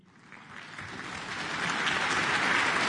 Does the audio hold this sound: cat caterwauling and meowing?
no